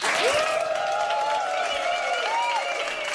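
A studio audience applauds steadily, a dense wash of clapping that holds at an even loudness throughout, with sustained whistles rising and falling over the top. No one speaks.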